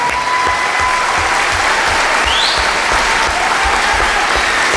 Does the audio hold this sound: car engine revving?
no